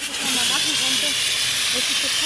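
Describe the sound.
A loud, steady hiss of a water-filled fire extinguisher spraying continuously as participants practise putting out fires on the MHW training ground in Tuntenhausen, with faint voices murmuring underneath.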